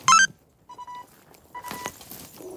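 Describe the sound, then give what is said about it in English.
Police radio beeps as 20 police officers head towards a terraced house on a pitch-black estate: a sharp electronic chirp at the start, then two steady mid-pitched tones a moment apart, over low rustling background noise. No one speaks. “The beeps of radios and barking of the next-door dog the only sound.”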